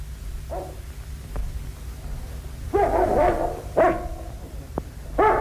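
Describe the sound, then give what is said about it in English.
A dog named Carlo barks several times in irregular bursts, some short and sharp, others drawn out and gruff, loud over a low steady rumble. No one speaks. “Do you hear anything? The dog does.”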